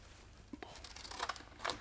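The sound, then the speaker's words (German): Scissors snip through thin wood veneer in a few crisp, dry cuts with short pauses between them, fairly quiet, with no talking, as the veneers are cut into fitting pieces at the bow to be fastened to a wooden keel. “Am Bug schneiden Helmut und Ingo die Furniere in passende Teile”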